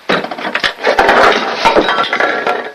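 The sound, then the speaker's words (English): A rapid cascade of clinking and clattering as bottles tumble out of an opened medicine cabinet and knock against each other and hard surfaces, a dense, busy rattle of sharp glassy and plastic hits lasting a few seconds. “His toothbrush dangles in his mouth as he screws the cap on the toothpaste, then opens up the medicine cabinet. Stuff spills out.”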